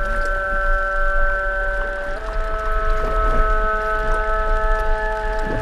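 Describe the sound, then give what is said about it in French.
A long, steady call from an approaching whale, with layered tonal harmonics, holds for several seconds, dipping slightly in pitch partway through, over a low rumbling underwater background with no talking. “La baleine s'approche. C'est un appel,”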